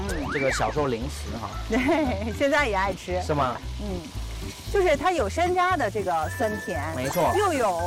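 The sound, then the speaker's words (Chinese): Steady crackling sizzle of food pan-frying in oil, big bubbles turning to small ones as the moisture cooks off, a continuous hiss running underneath lively voices and a low rhythmic backing throughout. “大泡变小泡， 说明是什么？水分没了， 哦， 它就煎得刚刚好。”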